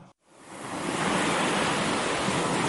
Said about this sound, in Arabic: لحظة، إحنا بعمان، طيب من وين جاي صوت البحر؟